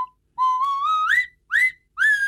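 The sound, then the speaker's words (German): A nose whistle from Schonach, which is both a bottle opener and a musical instrument, plays three breathy phrases: the first a long tone sliding gradually upward, followed by two shorter rising swoops, with no talking. “Natürlich mit der Nasenpfeife aus Schonach.”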